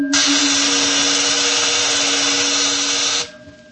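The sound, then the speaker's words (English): A sci-fi energy field, vibrating at a cycloid rate set on crystals and ready for discharge, gives a loud, steady electric buzz layered over a low humming tone, holding for about three seconds before cutting off abruptly. No one speaks. “The field is vibrating at the cycloid rate set on the crystals. All right, it's ready for discharge.”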